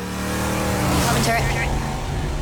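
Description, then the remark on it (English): A car with a woman sitting in the front passenger seat drives past; its engine hums steadily and fairly loud, swelling briefly near the middle, with a broad rushing road noise underneath throughout. “A very famous lady sitting in the front seat of the car driving by.”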